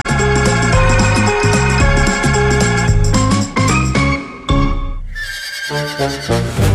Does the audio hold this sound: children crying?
no